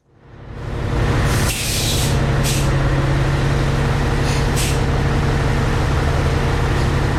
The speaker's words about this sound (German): Wer kennt es nicht, das Brummen von einem Dieselbus? Im öffentlichen Verkehr sind die Dieselbus immer noch häufige Begleiter.